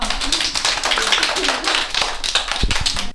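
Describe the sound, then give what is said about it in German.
A group of kindergarten children clapping their hands together, a dense, steady patter of many overlapping claps lasting a few seconds, fairly loud and uneven in rhythm. “Alle mal klatschen.”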